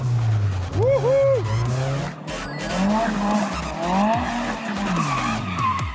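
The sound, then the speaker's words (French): Car tires of a Nissan Silvia from the early 1990s skid and squeal loudly in repeated high, wavering screeches that swoop up and down over a steady roaring engine drone, continuing throughout without a break. “Je te propose un truc avant qu'on ait bouffé tous tes pneus.”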